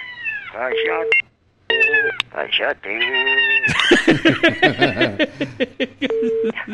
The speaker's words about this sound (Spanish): Vaya a maullar allá en la casa donde le dieron atún. Atún. Ah, le dieron atún y ahí se quedan los gatos.